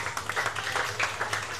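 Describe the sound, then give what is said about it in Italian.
An audience at the PGK Circus applauds a racer who turned the race around, a steady, dense wash of clapping that holds an even level for the whole moment, with no voices standing out. “E accompagniamolo con un grande applauso.”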